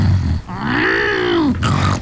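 A wild boar grunts in a loud, drawn-out roar that swells and sinks in pitch over about a second, framed by short, rough snorting noises before and after.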